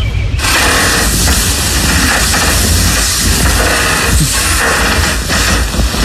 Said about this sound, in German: Das ist ein Boden, der knarzt. Nicht ganz. Das war ein Bett. Bei jeder Bewegung links und rechts gedreht hat es...